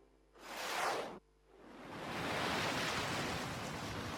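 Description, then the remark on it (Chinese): Ocean waves at the seashore below a stone forest of rock pillars: a loud wave surges in and cuts off abruptly, then a steady roar of surf builds and holds, with a rushing hiss of howling wind over it, waves throwing up half-person-high walls of water. No voices. “风声呼啸，海边排石林下，麻苏苏坐在礁石上望着海面，远空乌云低垂，方若鱼站在一旁，身后是鬼斧神工的排石，阵阵海浪卷着浪花涌来，掀起了半人高的水墙。”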